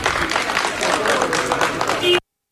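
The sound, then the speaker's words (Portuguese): A crowd of fans applauds steadily outside the national team's hotel in Gaia as the team leaves for training, heard by coach Jorge Jesus, the clapping mixed with voices and cheering. The sound is dense and continuous at a fairly even level, then cuts off abruptly. “Mais tarde, a seleção voltou a sair do hotel para ir para o treino e aí Jorge Jesus ouviu estes aplausos registados pela TV.”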